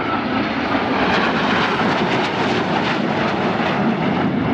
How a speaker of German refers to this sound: Und jetzt sind sie fast da. Noch ist es ganz ruhig, obwohl man sie schon deutlich sehen kann. Aber wie wir wissen, laut ist ein Flugzeug ja hinter dem Flugzeug. Und da sehen Sie 4 Eurofighter.